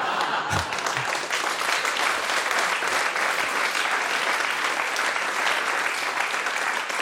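Sustained applause from an audience, a dense, steady wash of many hands clapping at once, loud and continuous for several seconds with no talking over it.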